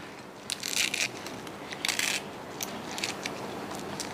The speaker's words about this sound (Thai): ค่ะแล้วก็นี่ค่ะถ้าพื้นบ้านจริงๆใช้มือขยี้หน่อยหนึ่งค่ะให้เขาช้ำมาค่ะ อย่างนี้เลย